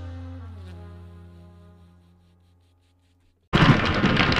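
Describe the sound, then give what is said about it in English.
A low, humming harmonic tone fades away into silence, then hail abruptly erupts, pummeling a house: a loud, dense clatter pounding hard and continuously for the last second, with no talking. “I can't think with all the sound of the hail pummeling our house.”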